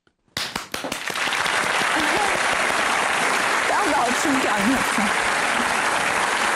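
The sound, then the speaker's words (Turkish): Sustained applause from a crowd starts abruptly after a brief silence and continues steadily and loudly, with scattered voices and whoops rising through the clapping. “Kendi alkışımı kendim yapacağım.”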